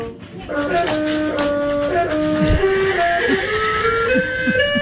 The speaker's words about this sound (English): Well, it's one of those keyboards for a toddler that's on the floor that the toddler can jump on and make sound. But as you'll hear, this is what it sounds like when a dog drags its butt across the music mat.